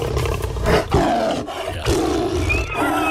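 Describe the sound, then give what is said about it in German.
A lion roars loudly, a deep rumbling bellow that surges and swells in a few heavy bursts over a few seconds, with no talking. “Der Löwe.”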